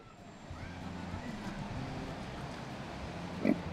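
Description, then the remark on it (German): Kune Kune pigs from New Zealand grunt and rummage while grazing, in low, rough snuffles over a steady outdoor background, with one louder snort near the end. “Den restlichen Tag dürfen die Schweine aus Neuseeland hier grasen.”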